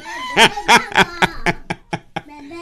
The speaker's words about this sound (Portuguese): Esse é o Galo Frederico ou o Dinarte? O Frederico já morreu? Ah, então é o Dinarte.